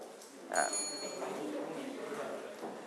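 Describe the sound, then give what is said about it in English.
A single bright bell ring, rung to answer a quiz question, strikes once and fades over about half a second, with faint room noise and murmuring voices continuing in the background. “You can ring the bell from the breakfast, ring the bell.”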